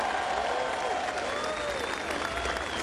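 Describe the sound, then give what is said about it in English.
A crowd at the grand final parade applauds the young NAB Auskickers steadily, a dense wash of clapping at an even level throughout, with faint whistles and cheers rising above it. “One more round of applause for our little NAB Auskickers.”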